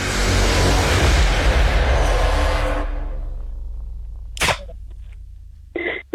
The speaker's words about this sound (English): Oh, the car's going past.